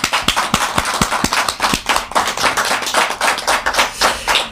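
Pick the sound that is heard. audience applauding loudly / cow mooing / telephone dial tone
audience applauding loudly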